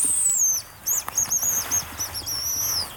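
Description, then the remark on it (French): Hazel grouse song in autumn: a series of very high, thin, piercing whistles, some drawn out and gently falling, others short and trilled, over a quiet outdoor background with no talking. “Alors là, maintenant, on va se diriger sur un autre endroit pour voir un oiseau que vous affectionnez énormément. La gélinotte des bois.”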